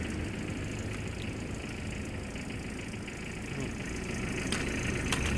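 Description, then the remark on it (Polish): The engine of a waiting car idles steadily, a continuous low rumble with a faint rhythmic knock, holding constant throughout with a couple of brief clicks near the end. “Jakby samochód czekał.”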